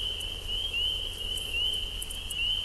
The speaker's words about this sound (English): This is Frogs in the Pre-Dawn from a feeder cam at the Cornell Laboratory for Mythology in Ithaca.